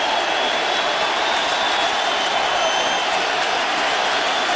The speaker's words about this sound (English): Terang takes Scooble deep, and we are tied at one. Hit 21 long balls in the regular season, and boy, does that get this crowd to their feet.